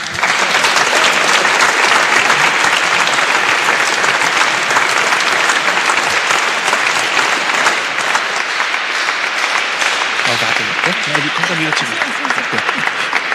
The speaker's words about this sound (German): Großer Applaus noch einmal.